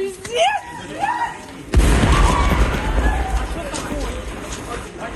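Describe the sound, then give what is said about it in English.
Frantic screaming voices with rising, wavering pitches give way to a sudden heavy boom at about 1.7 seconds as a Russian drone strikes a train travelling from Kyiv to Warsaw, about 2 kilometres from Ukraine's border with Poland, then a long roar of rumbling noise and clatter with cries fading in and out beneath it. “The sounds of screams as a train was struck by a Russian drone about 2 kilometres from Ukraine's border with Poland.”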